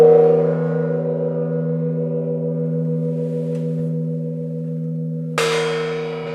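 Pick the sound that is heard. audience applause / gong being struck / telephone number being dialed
gong being struck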